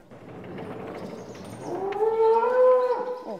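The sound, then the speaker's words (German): Hanna, a young cow on a Demeter farm, agitated, lets out a loud, drawn-out moo with a strained, rising-and-falling pitch, following a stretch of low rumbling noise; no one speaks. “Das ist eine Jungkuh, deswegen regt sie sich hier gerade so ein bisschen auf.”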